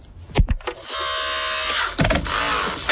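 A powerful electric rescue cutter whines steadily as it rips through an entire car door to open up the car, with sharp metallic cracks and snaps at the start and again midway, loud.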